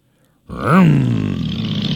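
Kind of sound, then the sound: vehicle, motorcycle engines revving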